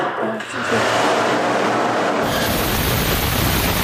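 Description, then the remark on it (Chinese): A Chinese aerospace rocket engine ignition test firing lasting more than ten seconds: a dense, hissing roar builds up, then surges abruptly into a fuller, louder blast that holds steady and unbroken to the end. “十几秒的发动机点火测试，直观展现了航天动力的真实力量。”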